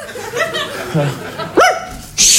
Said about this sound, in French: Viens ici. Au pied, le chien.